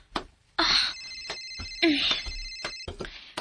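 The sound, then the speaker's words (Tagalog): A cellphone rings, its sound apparently coming from above the ceiling, with two bright, electronic bursts of ringtone, each lasting about half a second to a second, separated by short pauses and a few faint clicks. “Ang akong yung cellphone!”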